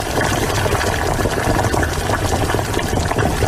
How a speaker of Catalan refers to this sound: Mira, mira, ara l'aigua ja bull. Hi poso tota la verdura i comença a fer una boníssima olor. Us arriba?